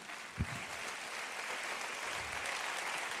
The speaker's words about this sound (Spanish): Alguien dele un aplauso a Jesús.